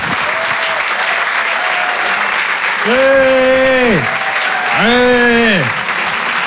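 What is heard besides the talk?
audience applauding loudly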